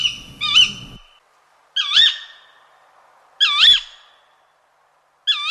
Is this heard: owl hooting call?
yes